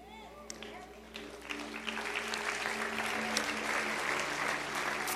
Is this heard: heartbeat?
no